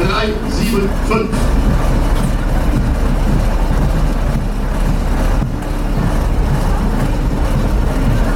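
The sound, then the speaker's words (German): The engine of a historic 1972 tractor unit from the firm Markmann in Zürich, rated 350 hp, rumbles loudly and steadily in a parade, a deep continuous drone with a rough, throbbing low end that carries on unbroken for several seconds. “Und die historische Zugmaschine von der Firma Markmann in Zürich, das Baujahr 1972 mit einer erstaunlichen Wettleistung von 350 PS.”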